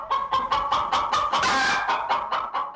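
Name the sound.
hen clucking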